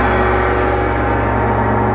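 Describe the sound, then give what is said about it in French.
A loud gong rings out signalling the end of a 10-second countdown in a quiz game, its dense, sustained tone holding steady for about two seconds with no voices over it. “Au gong, c'est Pierre qui a dit « je te suis »”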